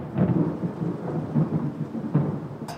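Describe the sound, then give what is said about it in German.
Low, rolling thunder rumbles continuously for a few seconds, with swelling peaks and a steady wash of rain-like noise, ending in a brief sharp crackle. “Du, wenn ich das Grollen immer so höre, ist die Angst vor dem Wetter natürlich schon relativ groß.”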